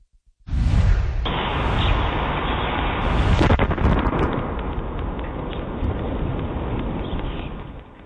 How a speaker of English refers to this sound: NASA says they believe it was the result of a meteor explosion over New England